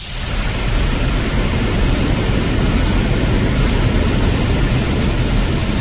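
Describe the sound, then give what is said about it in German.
A rushing waterfall roars steadily and loudly, a dense, unbroken wash of noise with a deep rumble underneath and a hissing top, holding level throughout with no voices. Heard on a livestream from Katmai National Park in Alaska, where bears fish salmon from the water. “Ja, nicht wundern, klingt wie ein Wasserfall, weil die Bären nämlich aus dem Wasser den Lachs natürlich fischen.”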